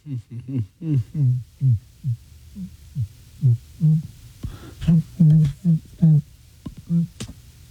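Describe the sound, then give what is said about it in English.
A person hums in short, muffled bursts while holding their nose, a choppy series of strained nasal tones with brief gaps between them. “I was just humming right there, no?”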